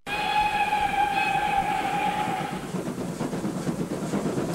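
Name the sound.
train departing with whistle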